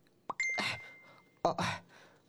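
A single bright electronic phone ding, a chat message notification from Mom, rings out, its clear tone lingering for about a second, while short breathy bursts of sound, like quick exclamations, come just after it and again later.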